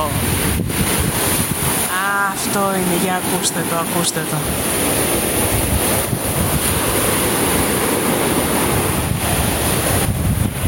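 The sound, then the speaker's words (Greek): Steady roar of sea waves washing onto the beach at Kamari, with strong wind buffeting the microphone throughout; a person speaks briefly near the start over the surf. “Ο ήχος της θάλασσας, ο αέρας.”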